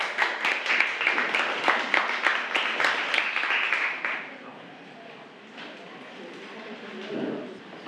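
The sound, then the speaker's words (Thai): Classroom applause for the group 5 representatives about to present their activity sheet on watching entertainment media: a group claps briskly with many overlapping hand claps for about four seconds, then the clapping stops abruptly, leaving faint background murmur and a soft voice near the end. “ขอเสียงปรบมือให้กับตัวแทนกลุ่มที่5ด้วยค่ะ”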